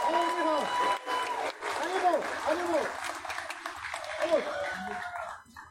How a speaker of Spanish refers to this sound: Le brindamos un aplauso a nuestra reina saliente, por favor.